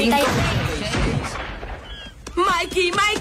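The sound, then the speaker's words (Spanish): Several sharp, loud gunshots crack out in quick, uneven bursts in a film scene, followed by excited voices talking over the fading echoes. “¡Eso han sido disparos! ¡No son como los de las películas de guerra! ¡Son disparos de verdad!”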